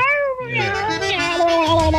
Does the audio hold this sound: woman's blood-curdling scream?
no